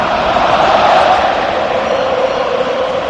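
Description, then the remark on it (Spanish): A large crowd of Austrian spectators applauds and cheers during a presentation, in a steady, dense roar that holds at a loud, even level throughout, with no single voice standing out. “Impresiona ver el despliegue, el aplauso de los austríacos.”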